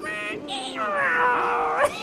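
A long, whining cat meow rises and bends in pitch across about two seconds, loud. It sounds like a person imitating the cat's cry.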